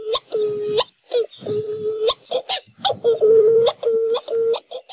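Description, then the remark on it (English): Hawaiian petrel (ʻuaʻu) seabird calls: a loud series of eerie, drawn-out moaning wails, each held steady and ending in a sharp upward yelp, repeating in quick succession with no other sounds. “Like many Hawaiian birds, Oahu are named after the sound they make. Their haunting calls can be heard at night as they fly mauka to their nests high in the mountains.”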